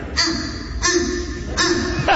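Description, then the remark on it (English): A boy imitates a fish crow, giving three short nasal caws in a steady rhythm, loud, with no other talking. “And then the fish crow.”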